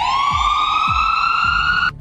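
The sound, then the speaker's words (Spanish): A loud ambulance siren holds one steady wailing tone that rises very slightly, with low rhythmic thumps underneath, then cuts off abruptly just before the end. No one speaks. “Sí, es una sirena de una patrulla, de una ambulancia.”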